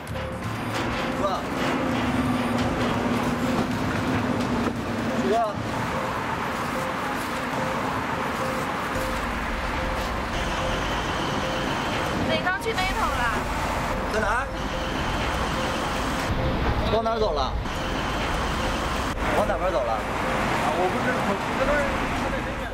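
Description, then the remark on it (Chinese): A steady, dense wash of busy road traffic at night, cars rumbling and hissing past continuously, with indistinct voices mixed into the background. “舒克就消失在了车流涌动的夜色里”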